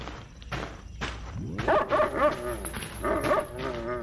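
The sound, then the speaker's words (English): A chained mongrel dog barks and yelps repeatedly, a quick series of sharp, pitched barks with whiny edges, over a faint background rustle and a high steady tone. “What is wrong with that filthy cur? Shut up, you ugly mongrel. I'll give you something to bark about.”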